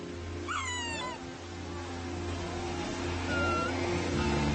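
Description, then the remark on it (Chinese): A sea lion pup calling for its mother cries out with a wavering, bleat-like call that slides downward, then gives a fainter second call a few seconds later, over a steady low rumble. “和其他动物宝宝一样，小海狮做的第一件事就是放声叫唤。”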